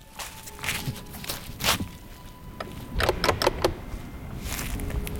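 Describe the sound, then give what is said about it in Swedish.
Footsteps crunch along an outdoor path as someone walks up from a stone beach toward a lighthouse on a height on the island of Fjuk, in a steady series of fairly loud steps, with a low background rumble of wind. “Jag promenerar upp längs med stigen för att ta en närmare titt.”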